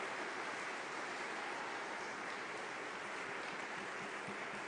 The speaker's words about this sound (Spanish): Un fuerte aplauso a nuestros hermanos de María Visión.